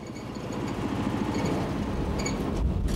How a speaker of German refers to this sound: Wie sieht es aber aus, wenn der Körper nicht senkrecht nach oben transportiert wird, sondern diesmal schräg nach oben gebracht wird? Lassen wir jetzt also vom gleichen Motor einen Schrägaufzug antreiben.